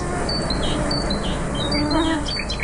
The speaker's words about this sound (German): Bei den Geräuschen der Nacht darf die Nachtigall natürlich nicht fehlen.